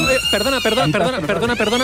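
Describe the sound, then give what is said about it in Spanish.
A loud, sustained siren sounds three times at a school, shortly after class has begun. It wails with a wavering, uneven pitch that does not sound normal, with voices mixing in over it for the whole stretch. “es que se acaba el concurso porque está sonando la sirena, pero no suena normal, está sonando aquí en el colegio tres veces y esto es un poco raro porque apenas ha empezado la clase.”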